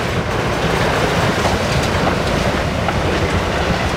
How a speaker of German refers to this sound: Hier werden Servietten hergestellt, in einer Papierfabrik. Ziemlich laut sind die Maschinen, die das Papier produzieren. Und ganz am Ende der Produktionskette werden die einzelnen Lagen zu einer Serviette zusammengepresst.